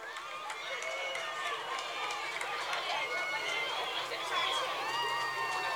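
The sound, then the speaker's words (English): A large crowd cheers and shouts continuously for the Ralston High School dance team, many overlapping high voices forming a steady, loud roar that holds for the whole stretch without a break. “Let's hear it for the Ralston High School dance team.”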